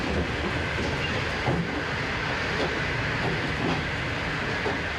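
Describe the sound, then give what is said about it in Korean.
Steady rumble and hiss of a moving passenger train on the rails, with faint periodic clicks from the wheels, continuous, with no voices. “다음 역에 한 10분 정도 기차가 서는데 매점에 가서 도시락이나 요깃거리를 좀 사려고 대기 중입니다.”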